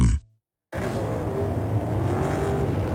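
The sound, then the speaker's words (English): A brief fade and a pause of silence, then a steady, dense roar of race cars circling the speedway at Darlington, loud and continuous with no voices on top. “Back at Darlington, pit lane is open.”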